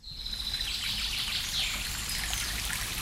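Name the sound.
babbling brook water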